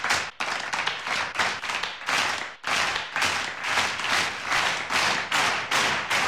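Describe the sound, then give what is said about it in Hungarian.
Loud crowd applause fills the whole stretch, with the clapping falling into a steady, rhythmic beat of dense bursts. No one speaks over it. “A közönség dörgő tapsokkal mondta ki az ítéletet.”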